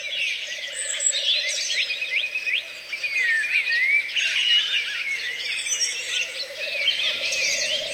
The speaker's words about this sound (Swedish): En hel natt av fågelsång från både Sverige och Finland. Vi sände direkt i P1 den 9 maj i år.